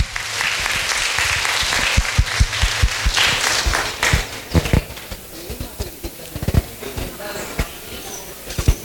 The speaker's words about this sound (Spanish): Un aplauso, pues, felicitaciones.